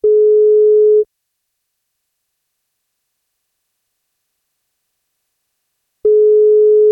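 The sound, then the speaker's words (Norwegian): A telephone ringback tone as the NFM radio show places a birthday call: two steady, mid-pitched one-second beeps separated by a long silent gap, clear and fairly loud, with no voices. “Og så plukker vi opp telefonen nå da, og ser om vi får tak I”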